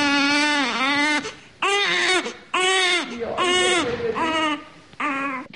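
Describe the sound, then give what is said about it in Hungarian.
A newborn baby cries loudly in the newborn ward of the Szeged Gynaecology Clinic in Hungary, in a run of five or six strained, wavering wails separated by brief gasps for breath, with no other voices. “Egy csecsemő osztályán vagyunk éppen, kórteremben az újszülöttnél.”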